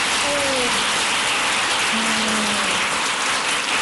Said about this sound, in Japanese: あれ、でも拍手してない人がいるから次に拍手してくれるのかな。